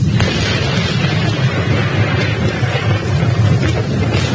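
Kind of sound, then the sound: nature, thunder rumbling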